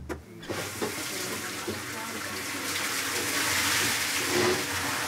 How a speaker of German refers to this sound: Im Sommer läuft es dann über die Acequia, einen Graben, in ein großes Sammelbecken.